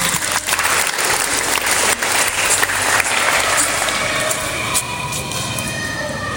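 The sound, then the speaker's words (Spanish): Sustained audience applause for a teacher introduced to present the purpose of an event launching the recycling project 'Botellas que Valen', a dense steady wash of many hands clapping at fairly even loudness for several seconds, with no voices standing out. “por quien pido fuertes aplausos.”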